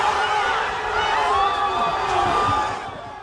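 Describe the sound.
A crowd of Spain football fans watching on a big screen erupts in a loud, sustained roar of cheering and shouting as their team scores the first and only goal, many voices overlapping in a dense wall of sound before easing off slightly at the end.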